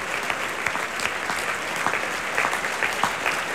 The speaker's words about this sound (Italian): E adesso l'intero cast dei solisti si avvicina al palcoscenico per prendere gli applausi, si stanno inchinando.